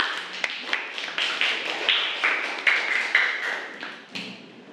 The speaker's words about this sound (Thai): ขอเสียงปรบมือให้กับเพื่อนด้วยค่ะ